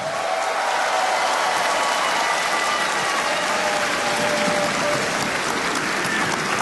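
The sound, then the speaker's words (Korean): A large audience applauds steadily for the whole stretch, a dense, even wash of many hands clapping at once with no talking over it. “네, 여러분 뜨거운 박수로 격려해 주시면 좋겠습니다.”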